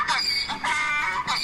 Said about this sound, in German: Sollen wir mal einen Esel schreien lassen? Ja. Peter zückt sein Handy und spielt uns ein Eselgeräusch vor.